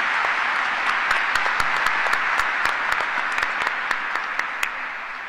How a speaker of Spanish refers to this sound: Una vez más para nuestros jóvenes, un fuerte aplauso para nuestros jóvenes.